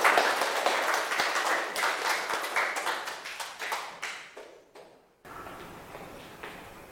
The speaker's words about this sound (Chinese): 好，那最后一个小组让我们看到是哪一个小组上来呢？好，来，美食博主小组有请，大掌声欢迎。